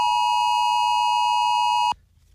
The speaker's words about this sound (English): Our devices will vibrate, and then we'll hear a siren-like warning for 10 seconds, along with a notification on our screens to announce that the test is taking place.